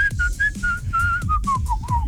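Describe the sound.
A loud, sustained whistle made with the fingers by a man, a musician, holds a steady pitch for about two seconds, wavering slightly and sliding lower near the end, over a low, pulsing rumble of background noise.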